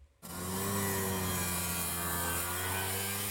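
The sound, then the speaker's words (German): Many Vespa scooters on the streets of Rome, gathered for the brand's 80th anniversary, rattle and buzz in a loud, many-voiced continuous drone with a steady low hum, starting abruptly after a brief quiet moment and holding at full volume throughout. “Auf den Straßen Roms ist dieser Tage aber vor allem ein lauter, vielstimmiger Knatterton und Brummton zu hören.”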